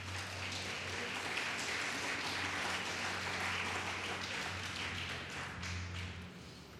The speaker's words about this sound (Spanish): Denle un fuerte aplauso a Cristo.